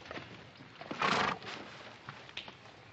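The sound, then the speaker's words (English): A horse gives one short, loud whinny, followed by a few faint, scattered hoof clops against a low background hiss. “Oh, my horse lost a shoe ways back.”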